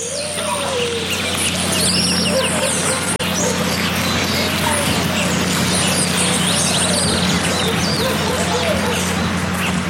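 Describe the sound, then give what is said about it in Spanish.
Dense jungle ambience full of overlapping birdsong, with busy chirps and calls throughout and the chattering of a parrot perched on a tree branch, over a steady low hum of background noise. “Buscando la quebrada que nos llevara al balso adecuado, nos íbamos adentrando a un territorio selvático acompañados por el cantar de las aves y el parloteo de un loro asomado en la rama de un árbol posando su mirada hacia nosotros.”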